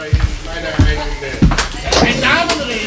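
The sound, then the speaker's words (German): Three firm, evenly spaced knocks on a door, low and thudding, followed by a fourth softer one, with faint voices murmuring in the background. “Hat es da nicht geklopft?”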